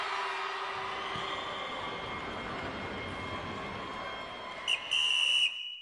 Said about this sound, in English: The halftime whistle blows